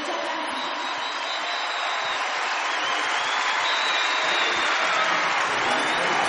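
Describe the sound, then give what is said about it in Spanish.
Loud, sustained applause from a large audience, dense clapping filling the whole stretch at steady volume, with faint cheering mixed in. “Fuertes aplausos”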